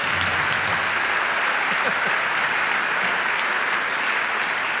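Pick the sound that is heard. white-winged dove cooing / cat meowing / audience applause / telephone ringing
audience applause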